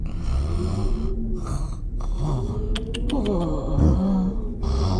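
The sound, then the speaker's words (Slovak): A person snores in a steady series of rough, rattling breaths, loud, with a few short clicks in the middle and no talking. “Chrápanie.”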